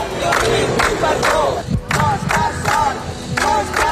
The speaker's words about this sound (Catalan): Roger Espanyol ha arribat a les 9 del matí a l'Audiència de Barcelona, on l'esperaven una trentena de persones amb pancartes i crits de suport.